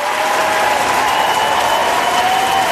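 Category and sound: crowd, crowd screaming and applauding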